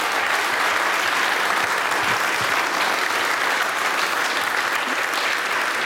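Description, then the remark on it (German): Sustained, dense applause from a large audience for a brass band after its march, steady and loud throughout with no gaps, many hands clapping at once in a broad wash of sound. “Und jetzt einmal einen riesengroßen Applaus, weil das spritziger Spiel, das geht ja gar nicht anders.”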